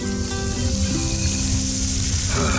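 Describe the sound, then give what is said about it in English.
Salt pork sizzles steadily in a pan, cooked outdoors for dinner: a continuous hiss and crackle of frying fat with a soft sustained tonal hum underneath and no one speaking. “Salt pork again, I suppose. It's not bad enough that it's been fried up a bit.”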